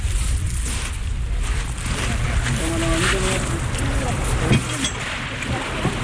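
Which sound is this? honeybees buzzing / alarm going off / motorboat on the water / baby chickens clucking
motorboat on the water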